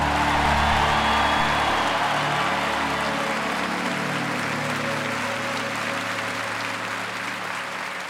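An audience applauds the Lord, clapping steadily in a dense, sustained wash of applause that stays loud throughout, easing off only slightly toward the end, with a faint low tonal hum underneath.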